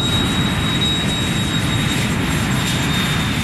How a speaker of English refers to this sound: When my parents moved near JFK Airport, I would watch the planes flying overhead